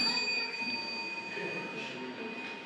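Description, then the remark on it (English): A bell rings with a steady, sustained metallic tone that holds through the whole moment, moderately loud over a faint murmur of background voices. “So the next one. Ring the bell.”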